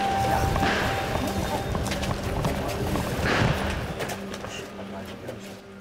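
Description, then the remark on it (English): Gunshots crack now and then through a dense, rumbling outdoor din in a Brazilian favela during a police operation against gangs, a few sharper reports standing out among fainter pops, with indistinct voices in the background. “We can hear gunshots in the background.”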